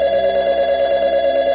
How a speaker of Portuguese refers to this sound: telefone tocava